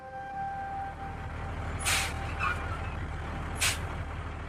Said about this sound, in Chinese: 汽车在兵团司令部门前停了下来，曾泽生刚下车